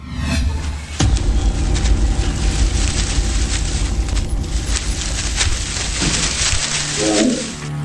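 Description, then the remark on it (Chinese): A large Siberian tiger's roar erupts suddenly and loud, a deep rumbling growl that rolls on for several seconds, heavy in the low end, with no one speaking; the tiger is in Liaoning, passing beneath a tree. “东北虎，真遇上东北虎了。”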